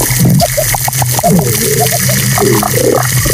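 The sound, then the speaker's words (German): A busy underwater soundscape of a completely healthy coral reef: dense, constant crackling and popping fills the background while short, repeated grunts and chirps from fish pop in and out over a low hum. “Aber jetzt irgendwie nicht mit Techno oder Pop, sondern mit den Sounds eines völlig gesunden Korallenriffs. Das klingt dann unter Wasser ungefähr so.”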